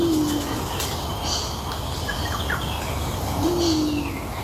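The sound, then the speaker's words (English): Torresian imperial pigeon, a big, bulky bird, calling twice, low deep coos several seconds apart, over steady outdoor ambience with faint higher bird chirps in the background. “Is that the Theresian Imperial Pigeon? It is, that big, bulky guy that looks like it actually, this is probably very wrong to say, but it looks like it'd be delicious.”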